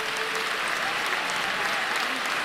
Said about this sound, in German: Immer wieder gibt es für die Kandidaten tosenden Applaus.